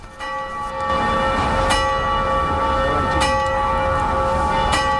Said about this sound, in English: Just as she finishes explaining, the clock strikes noon, the one time that the clock rings during the day, for roughly 10 minutes. Except instead of angels ringing the bells, it's workers.